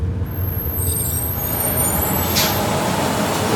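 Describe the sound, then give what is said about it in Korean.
A large bus rumbles as it brakes to a halt to let a passenger off by a concrete farm road leading to a village, high brakes squealing, then a short sharp burst of air-brake hiss near the end, with the engine idling underneath. “버스가 멈추자 급히 내린 승범은 마을로 이어지는 농로를 걷는 수정을 향해 뛰었다.”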